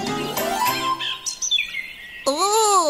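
A greenfinch sings, clear and fairly loud: quick twittering trills give way to whistled, rising notes and a final run of arched, buzzy phrases, with no voices.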